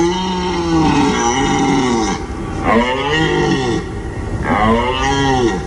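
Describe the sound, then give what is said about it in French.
A red deer stag's rutting bellow, the call of the mating season, rises and falls in three long, gravelly roars, each about a second and a half, loud, with no voices. “Nous sommes à la mi-septembre, la période idéale pour écouter le brame du cerf.”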